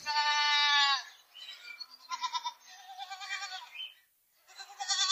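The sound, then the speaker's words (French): A herd of dozens of goats among sand dunes bleat one after another, a loud wavering cry first, then overlapping calls from the herd, with a short pause before a final bleat. “Il y a des dizaines de chèvres. Et elles se ressemblent toutes.”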